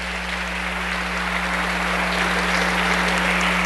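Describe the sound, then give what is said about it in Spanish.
Sustained audience applause, a dense wash of many hands clapping at a steady, fairly loud level for several seconds, with a low steady hum underneath and no voices. “Un fuerte aplauso.”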